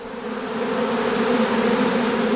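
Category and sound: insect, honeybees buzzing around hives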